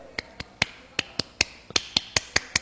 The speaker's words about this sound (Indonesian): Yes, kamu masih dengerin Prodo FM, teman terbaik kamu, tepuk pramuka.